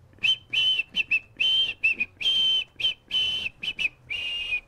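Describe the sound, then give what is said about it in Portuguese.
A breathy, airy whistle, made by drawing air inward rather than blowing, plays a short Beethoven melody of about a dozen notes, some long and held, others quick and clipped, fairly loud with no one speaking. “Eu vou tentar assobiar uma música, vocês têm que adivinhar qual que é, combinado?”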